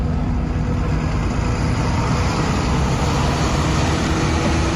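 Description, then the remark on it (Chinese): The engine of a nearly full, unlicensed passenger vehicle rumbles steadily and loudly as it starts and drives off, a continuous low drone with road noise, with no voices. “看汽车已经启动，这提到嗓子眼的心略微放下来些，东张西望的看着窗外有没人追来，随口向司机道： 你这个黑车给老子开快点。”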